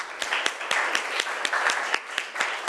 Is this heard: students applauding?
yes